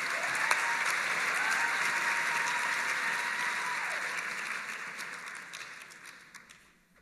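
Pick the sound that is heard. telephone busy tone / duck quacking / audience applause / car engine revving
audience applause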